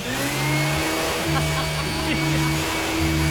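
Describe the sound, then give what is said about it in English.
A person imitates a vacuum cleaner with a steady, droning hum from their mouth, held for a few seconds with slight wavering pitch, loud. “With the vacuum. like this.”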